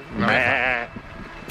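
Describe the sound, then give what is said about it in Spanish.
A single loud sheep bleat with a wavering, vibrato-like quality lasts under a second, followed by quiet background noise and a brief click at the end. “Una oveja.”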